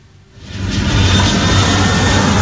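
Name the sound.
passenger jet aircraft engine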